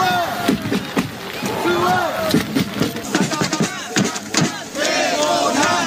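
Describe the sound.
A joint North and South Korean cheering squad of over 200 groups shouts and chants team and player names in unison at a stadium in heavy rain, with over 5,700 spectators; loud rhythmic bursts of voices rise and fall with rumbling background noise throughout.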